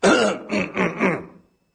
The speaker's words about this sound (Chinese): 他咳嗽了一声，怎么的？给自己提神。